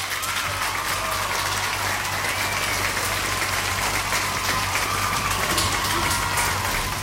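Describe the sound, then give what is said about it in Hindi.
Steady, dense applause from a crowd for listeners who answered a football quiz question correctly, many hands clapping continuously at an even loudness for several seconds, with no voices standing out. “फिलहाल यहाँ पे आप सबने सही जवाब दिया, इसलिए आपके लिए यहाँ पे बजेंगी तालियां।”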